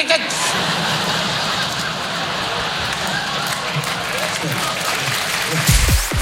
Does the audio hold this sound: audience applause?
yes